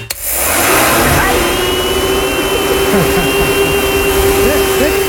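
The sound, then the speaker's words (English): A hair dryer blows loudly and steadily with a constant motor whine and rushing air, starting abruptly and holding for several seconds, with faint muffled voices underneath. “Is it a hair dryer?”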